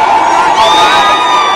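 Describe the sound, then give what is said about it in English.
A loud crowd jeers and shouts continuously at the State House in Nashville as Democrat Representative Justin Jones burns a printout of the Confederate flag, voices overlapping in a dense, raucous roar with some higher-pitched yells rising above the din. “And they're all jeering, and they're ignorant.”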